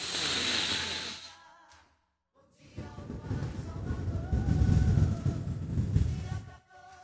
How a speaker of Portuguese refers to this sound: Mas agora vamos respirar, puxando pelo nariz, soltando pela boca, comigo, aquela respiração do abdômen, né? Que empurra a barriga pra frente.